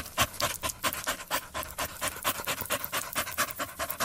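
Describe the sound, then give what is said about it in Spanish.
A dog pants quickly and steadily with its tongue out, rapid breathy huffs in an even rhythm, fairly loud, with no voices or other sounds around it. “No pueden sacar la lengua como tú. Es que ese niño me está sacando la lengua. Ni como los perros.”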